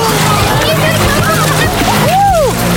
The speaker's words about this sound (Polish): Ja zostałam ochlapana. Poszły pod wodę.